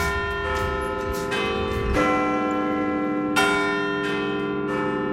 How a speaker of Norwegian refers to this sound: Etter en stund hører jeg noen svært kjente klokkeslag over byen.